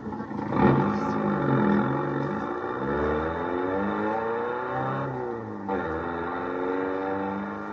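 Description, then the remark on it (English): A sports car engine roars, revving hard so its pitch climbs and falls in repeated surges, a steady loud drone with no voices. “All right, now get the car started.”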